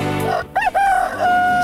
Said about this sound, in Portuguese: Então, se o galo já cantou,